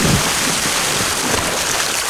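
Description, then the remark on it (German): A person plunges headfirst into water while waterskiing: a loud burst of rushing, churning water and spray that roars steadily for about two seconds, with no voices. “Das seid ihr, wie ihr kopfüber ins Wasser fallt beim Wasserskifahren.”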